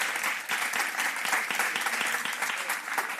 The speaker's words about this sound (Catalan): Estem parlant de Danny DeVito. Podeu aplaudir.